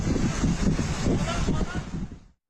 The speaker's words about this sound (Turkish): Kastamonu'da ise hortum çıktı. Cide ilçesinde sahil kesimindeki iş yerlerinde hasar oluştu.